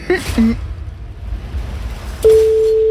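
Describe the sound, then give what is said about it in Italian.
A brief murmur of voices, then a telephone ringing tone starts: one loud, steady, mid-pitched beep that holds unbroken to the end. “Quanti squilli hanno? 5 squilli.”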